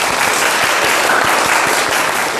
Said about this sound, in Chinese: 整体还是不错的啊，大家给他鼓掌啊。